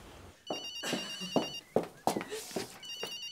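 A mobile phone rings with a bright, repeating electronic tone in short bursts, heard alongside brief voices and movement nearby.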